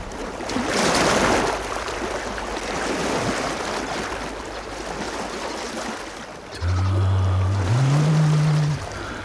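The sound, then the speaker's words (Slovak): Sea waves wash and swell in a steady, broad hiss, fairly loud, before a low droning tone, like a horn or engine, rises in pitch over the surf near the end. “More. Pokojné, priezračné ako kryštál.”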